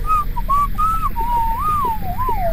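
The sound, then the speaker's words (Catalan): A person whistles a tune, a clear, steady melody with smooth rises and falls and brief gaps between notes, over a low rumbling background. “No pares de xiular-la?”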